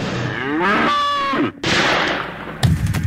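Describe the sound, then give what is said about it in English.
A bull lets out a loud bellowing moo that rises and trails off, followed by a rough noisy stretch and a sharp bang-like burst at the very end. “I'm millionaire cattle rancher and NRA member Edgar P. Jenkins. Bull!”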